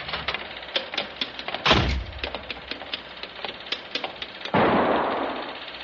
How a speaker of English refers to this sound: Hey, that was a gun. Who's there? Did you hear a gunshot?